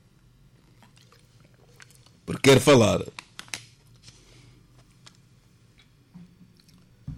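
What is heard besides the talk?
person drinking water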